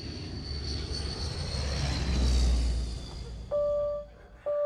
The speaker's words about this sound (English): T6 was built between 1946 and 58. It's the only aircraft which is still operational in the world. Normally we are flying to air shows all over the summer season.